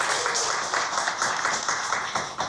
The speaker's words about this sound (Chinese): 让我们用最热烈的掌声欢迎山崎老师，欢迎您。